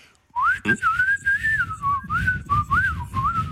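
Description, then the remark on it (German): A person whistles in a steady, warbling run of gliding notes, mimicking birdsong for about three seconds, into a phone to test whether a bird-identification app can be tricked. Low rumbling noise sits underneath, and nobody speaks. “Na komm, die App merkt doch bestimmt nicht, wenn ich sie austrickse und mal wie ein Vogel pfeife, oder?”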